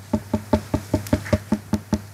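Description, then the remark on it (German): Steady knocking on a ripe fruit, about eleven quick evenly spaced raps, each with a bright, hollow, slightly ringing tone. Clear, with no one speaking. “Sie haben gut kombiniert, das ist ein Klopfen.”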